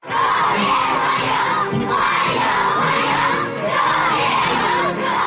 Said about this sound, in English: A crowd of school children cheer as Vladimir Putin arrives at the Great Hall of the People.